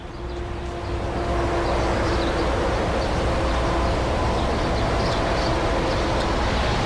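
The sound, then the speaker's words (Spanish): Steady, dense roar of road traffic near the A68 motorway, where it passes the council of Pobes in the Añana district, rumbling continuously from start to finish, with faint bird chirps and fluttering scattered high above the din. “Este audio está recogido, revuelo de pájaros y tráfico rodado en las cercanías de la autopista A68 a su paso por la altura de el concejo de Pobes.”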